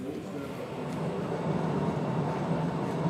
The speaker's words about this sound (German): Die Höhlenbahn von Postojna ist mit 3,7 Kilometern die längste unterirdische Touristenbahn der Welt.